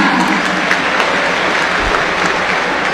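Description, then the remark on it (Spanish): A stadium crowd claps in subdued, scattered applause for player Facundo Colidio, number 11, as he is announced. A steady dense patter of many hands with no cheering or voices rising above it, holding an even level for the whole stretch. “Aplauso para Colidio, tímidos.”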